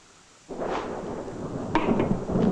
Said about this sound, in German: Schon wieder ein Gewitter. Sind Sie ängstlich vor Gewitter?